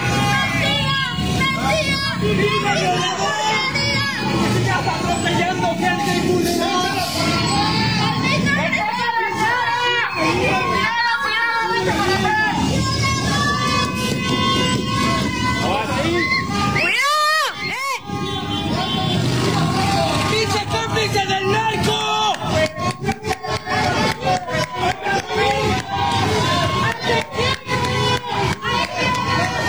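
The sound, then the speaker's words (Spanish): A dense, loud stadium crowd shouts and jeers insults at a player continuously, voices overlapping in an angry roar, with a brief lull partway through before the yelling surges back. “A ver, aquí vamos a recordar el momento, lo de Cuauhtémoc Blanco. Vea, ahí está.”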